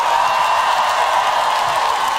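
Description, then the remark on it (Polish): A steady wash of audience applause as percussionist Janek Dąbrówka is introduced on stage, many hands clapping together in a dense, even roar that holds at the same loudness throughout, with no voices standing out. “A to jest jeden z najlepszych perkusjonalistów na tej planecie, Janek Dąbrówka, brawa!”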